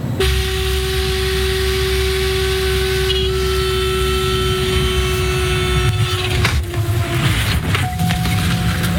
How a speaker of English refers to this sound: This video shows the dramatic moment when the plane touches down. The pilot says the aircraft suffered engine troubles.